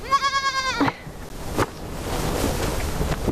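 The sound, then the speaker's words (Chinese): A single wavering sheep bleat rings out clearly up close, then gives way to a steady wash of surf-like background noise with a few soft knocks. “小咩咩好可爱。”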